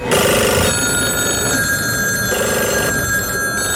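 A telephone rings loudly in two long electronic bursts separated by a short pause, with a bright, buzzing trill. No one speaks.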